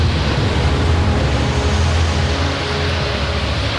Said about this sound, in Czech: Kriste, pane! Takové vlnobití jsem si nedokázal ani ve snu představit